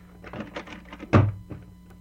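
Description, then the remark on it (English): A back door closes with a solid, heavy thunk after a few faint clicks and rattles of it being handled; the thud stands out loudly before things go quiet. “Come on out the back door and we'll have a good look at her.”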